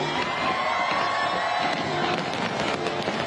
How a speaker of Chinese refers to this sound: 国庆烟花汇演晚上8点举行，超过30,000枚烟花在维港上空绽放，大批市民同旅客企满星光大道同文化中心外的空地观赏。